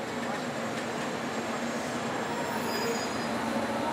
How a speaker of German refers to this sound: Schließlich wird Japans erster moderner Luxuszug bereitgestellt. Vor jeder Fahrt wird er von Hand geputzt. Die Lackierung wirkt wie ein dunkler Spiegel.